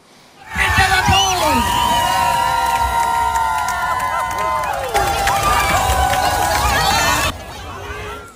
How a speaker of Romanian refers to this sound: Primarul a sărit în piscina Thomas Jefferson alături de mai mulți localnici și de câțiva copii. După ce a ajuns în apă, a făcut și o tură de bazin.